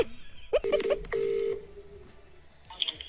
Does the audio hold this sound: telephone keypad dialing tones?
yes